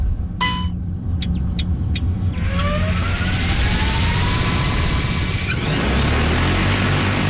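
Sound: agricultural spray drone flying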